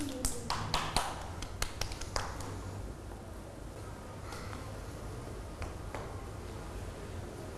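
A scattered burst of children clapping their hands for a classmate's work at the teacher's request, a quick irregular flurry of sharp claps at the start, then thinning to a few isolated claps over a low steady background hum.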